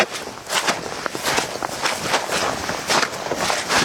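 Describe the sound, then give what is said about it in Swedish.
Steady footsteps squelch through wet bog at Stormyran, a large mire complex, each step a soft, sloppy splash in a regular walking rhythm, about a dozen in a row with no voices. “Det är ju från klaffset nere på kärret eller myren upp på den här tuvan där det är egentligen knastertort alltså.”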